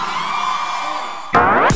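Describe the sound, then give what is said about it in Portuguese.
A crowd cheers steadily, then a louder burst of whooping and yelling breaks out near the end, energetic. “Quem gostou, bota a mão pra cima e bate o palma! Cadê os gritos pro Gustavo”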